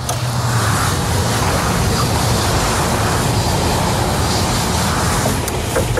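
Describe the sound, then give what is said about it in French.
A second train passing through the countryside at La Petite Clinette, between Bordeaux and Angoulême, France: a loud, steady roar with heavy low rumble and a broad hiss that holds for the whole stretch, no voices. “Qui a dit qu'il n'y avait pas de bruit à la campagne? Le deuxième train, bon, ça va encore tomber, je pense.”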